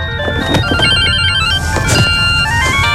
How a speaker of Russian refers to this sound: У вас мобильник звонит. Ответьте. Да не звонит мне.